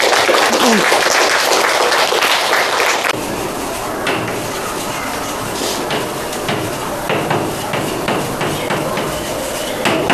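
An audience in a class bursts into loud, dense applause welcoming a special guest for a lesson on the founding ceremony, lasting about three seconds, then the clapping drops to a quieter, scattered patter with occasional sharp knocks.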